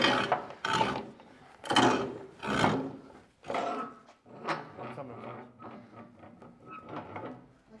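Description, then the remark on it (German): Two men turn a large old hand drill from the family's tools, boring into wood to enlarge a pre-drilled hole in Soultz-sous-Forêts; its coarse rasping comes in repeated strokes about once a second, loud at first and then settling into steadier, slightly softer turns. “Ja, also, da bohren wir das erste Loch.”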